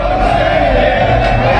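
A dense, steady roar of many World Cup fans cheering and shouting together in downtown Atlanta as streets close ahead of the Argentina–England semifinal, loud and continuous without pause, with no single voice standing out from the crowd.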